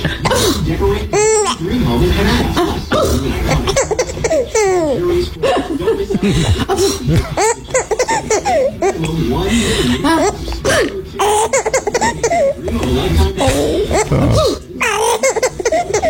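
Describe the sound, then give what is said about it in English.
A woman lets out a playful fake sneeze, and a baby answers with repeated bursts of high, hiccuping giggles and gurgles, mixed with soft adult voices throughout. “It was my dear wife, and it was a fake sneeze of all things.”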